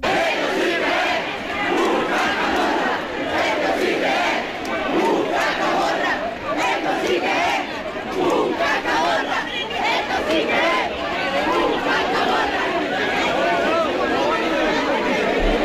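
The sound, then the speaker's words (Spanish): Thousands of participants at the Cascamorras festival in Baza shout and cheer the Cascamorras along a route of about 3.5 kilometres, with shouts to the Virgen de la Piedad, a dense roar of many voices with overlapping yells and chatter holding steady and loud throughout. “vitoreado por miles de participantes.”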